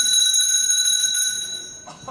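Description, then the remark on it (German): A bell rings with a bright, sustained metallic tone, its high harmonics ringing steadily and slowly fading over a couple of seconds, fairly loud with no voices. “Es läutet. Da kann ich Sie beruhigen, Herr Direktor. Das liegt nur daran, dass wir eine Glocke haben.”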